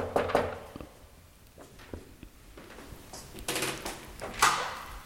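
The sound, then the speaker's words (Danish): A few sharp knocks on a door, spaced unevenly, followed by broader rustling, scraping sounds as if the door is being opened. No one speaks. “Jeg banker på.”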